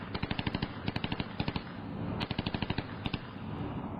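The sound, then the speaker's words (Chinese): Submachine gun fire in a cave: long, rapid bursts of sharp, loud cracks like a typewriter, a fast rattling stream that breaks off and resumes with a few scattered shots, ringing through the cave. No voices. “胖子再也沉不住气了，忽然从地上跳起来，举起冲锋枪，一串串的子弹夜光而出，打字机一样的射击声响彻了整个山洞。”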